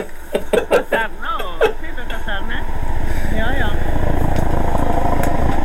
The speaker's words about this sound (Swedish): Nu kom det ett helikopter här.